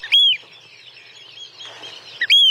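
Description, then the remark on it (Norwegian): A Eurasian oystercatcher gives two loud, shrill whistling calls, one at the start and one near the end, with a quieter stretch of faint background noise between them. “Der hørte du kjellen, og så var det jo den som hadde litt sånn sjølysens langt, oransje nepp, ganske så spist og langt, ja.”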